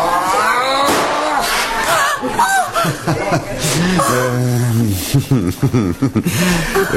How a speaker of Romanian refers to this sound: Te-ai speriat de o petardă? Ce mi s-a dat respirația? Cine a aruncat-o?